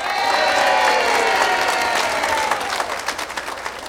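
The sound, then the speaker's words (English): A crowd bursts into steady applause with some cheering mixed in as a young polka band musician is introduced, loud at first and then thinning into scattered, distinct claps toward the end. “How about a nice round of applause”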